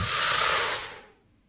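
A group of children draw in a long, deep breath together, a loud breathy rush lasting about a second before fading into near silence.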